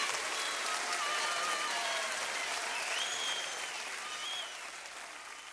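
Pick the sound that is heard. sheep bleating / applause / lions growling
applause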